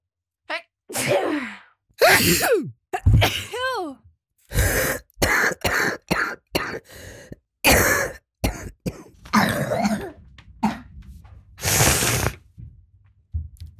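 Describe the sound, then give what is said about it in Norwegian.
A string of coughs and sneezes from a cold, loud, sharp bursts one after another with brief gaps, some wheezy, throaty and drawn out, others short and explosive, with no talking. “Kjente, men ikke akkurat kjære lyder vi hørte her. Høsten er her, og forkjølelsen med den.”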